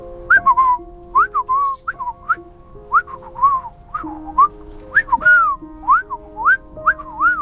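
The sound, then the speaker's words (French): Someone whistles a quick, chirpy bird-like phrase, imitating a tiny sparrow's reply with a string of short rising and falling notes, clear over soft sustained background music. “lui répondit le passereau, ce qui signifie à peu près « Va voir le vieil homme dans la forêt, mais prends garde au renard, il est le plus menteur de tous les menteurs.”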